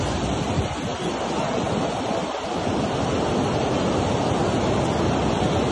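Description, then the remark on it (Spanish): A steady, loud roar of churning water fills the whole recording without pause, a dense rushing wash of the flooded, overflowing Ariari River in full flow beside the main road to Dorado and El Castillo, with no voices. “Así se encuentra el río Ariari el día de hoy.”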